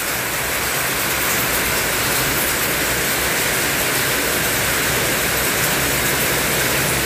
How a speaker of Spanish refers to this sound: Por acá nos envían unas fotitos y unos videos, cómo estaba lloviendo. Hace ratito en Chañaral. A ver, vamos a escuchar de nuevo. Así está lloviendo en Chañaral.